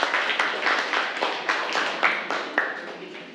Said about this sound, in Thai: เก่งมากกลุ่ม6ปรบมือให้ตัวเองค่ะทุกกลุ่มเลย